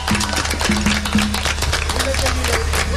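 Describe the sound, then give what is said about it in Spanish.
A crowd at a murga performance applauds steadily for a few seconds after the group announces it finally has a drum kit and congas, a dense wash of clapping with scattered voices calling out over it. “¡Un aplauso para ellos!”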